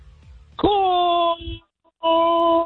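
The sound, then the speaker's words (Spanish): A man, a radio caller, lets out a loud, drawn-out signature yell on request, holding one steady pitch for almost a second, breaks off briefly, then launches into a second sustained yell. “Arránquese desde su ronco pecho el grito de ….”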